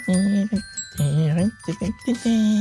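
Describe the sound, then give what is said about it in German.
Bright, ringing glockenspiel tones hang steadily in the background at the end of a rock song while a loud voice sings over them in short phrases. “So, ein bisschen Glockenspiel noch.”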